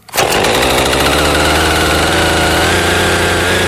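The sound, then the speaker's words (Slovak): A chainsaw starts up and runs at a steady, loud roar, its engine whining continuously as it cuts into one of the first trees felled in a century-old poplar alley in a spa park, with no voices. “Kúpeľným parkom, ktorý býva oázou pokoja a spevu vtákov, sa dnes ozýval zvuk pílí.”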